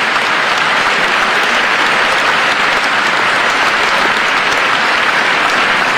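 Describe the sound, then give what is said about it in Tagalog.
Steady, dense applause from legislators, including Congressman Joel Villanueva, during President Marcos's speech on the 2026 national budget, loud and sustained for the whole stretch with no voices rising above it. “Grabe yung palakpak ni Congressman Joel Villanueva, no?”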